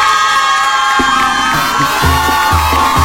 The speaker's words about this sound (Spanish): Bueno, pues ahí está. Un aplauso para todos los cumpleaños.